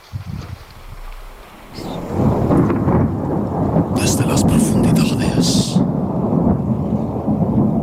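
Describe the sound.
Heavy rain pours steadily while deep rumbling thunder rolls through, loud, with a voice speaking briefly at the start; a night-time thunderstorm at around half past one in the morning.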